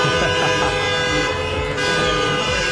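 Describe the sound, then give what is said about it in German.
Several car horns honk continuously over dense street noise, overlapping tones blaring in a loud, crowded city centre in Homburg packed with cars driving laps through Talstraße past Christian-Weber-Platz after a public viewing of a 7:1 win. “Die Innenstadt war komplett voll mit Autos nach dem SR1 Public Viewing.”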